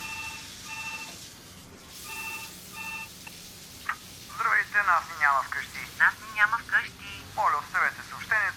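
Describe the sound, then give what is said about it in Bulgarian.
A telephone answering machine picks up after several short electronic ring bursts, then a thin, tinny voice talks as a message is recorded, moderately loud against faint background noise. “Ти не чуваш ли какво записва телефонния секретар?”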